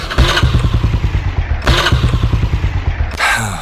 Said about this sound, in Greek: Σου θυμίζει κάτι αυτός ο ήχος? Μήπως το παλιό σου δίκυκλο έχει κάνει τον κύκλο του?